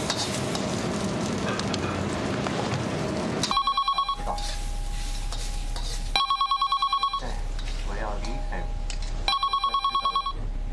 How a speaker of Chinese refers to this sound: 电话你不知道接一下啊？